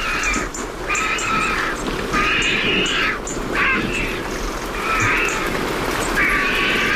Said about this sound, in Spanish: al fondo se están secando las plumas, los buitres. Ahí están. Con ese cacareo